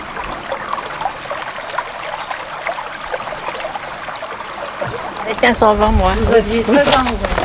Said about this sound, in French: C'était un bel après-midi, il faisait un grand soleil. Nous avions sorti une table près de la rivière et on entendait l'eau du canal qui s'y jetait, ainsi que les oiseaux.